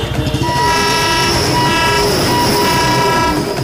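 An Indian train horn blares in a steady, sustained tone over the loud, rumbling clatter of rail carriages rolling past on India's railway, with no voices.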